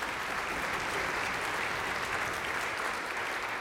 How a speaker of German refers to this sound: Riesenapplaus für Christian und seine Freunde.